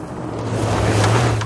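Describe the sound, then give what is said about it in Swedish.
Food sizzling on a grill: a steady, dense hiss flecked with faint crackles, with a low droning hum running underneath throughout. No one speaks. “Hör du hur det fräser från grillen?”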